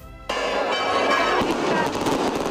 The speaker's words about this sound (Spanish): Repique de campanas y cohetes hoy en Urda para acompañar al Cristo de la Veracruz de regreso a su ermita tras ofrecerse a miles de vecinos y peregrinos durante las últimas 24 horas en la iglesia de San Juan Bautista.